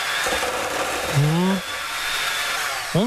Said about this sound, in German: So, kurz in den Mixer.